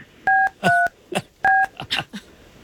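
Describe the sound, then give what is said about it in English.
Several short, loud touch-tone beeps from a phone keypad as a call is dialed, each a steady dual-pitched tone, with brief scuffing or voice-like bursts in between. “We're going to make this call”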